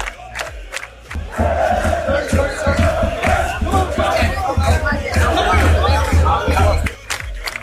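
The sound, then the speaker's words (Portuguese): A dense crowd of fans roars and chatters continuously in the streets of Miami Beach, Florida, on a very hot day, many overlapping voices and shouts forming a loud, steady wall of noise that swells after the first second and drops off near the end. “Loucura completa aqui nas ruas de Miami Beach. Um calor danado, um aglomerado de gente.”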